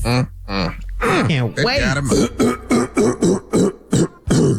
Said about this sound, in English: Let me clear my throat. Clear it, man.